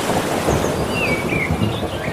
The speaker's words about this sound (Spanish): Mira, vamos a juntarlo todo, ¿eh? Hola. Y algún trueno.